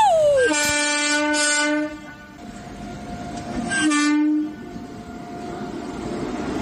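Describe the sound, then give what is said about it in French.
A train rumbles steadily past while its horn sounds two long, loud, chord-like blasts, the first about a second and a half, the second shorter, over continuous clattering rail noise. “En voiture, le train met du temps à passer.”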